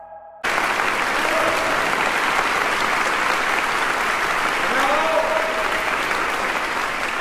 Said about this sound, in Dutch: Bravo. Klinkt het vanuit het publiek dat helemaal ingepakt wordt in Studio 4 door ….